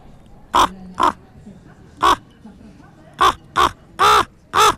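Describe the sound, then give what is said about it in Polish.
A person imitates a raven's croak: seven loud, hoarse calls, two close together, then a pause, then five more in an uneven rhythm, clear against a quiet background. “kruk.”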